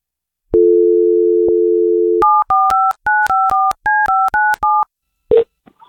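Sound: telephone number being dialed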